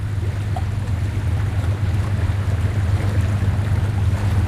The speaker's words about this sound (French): C'est formidable, on va partir avec notre petit bateau maintenant, remonter le Rio Negro jusqu'où? Je vais monter le Rio Negro jusqu'à Cajatuba, là Goudoubi. Monter le fleuve, ça fait 65 km d'ici.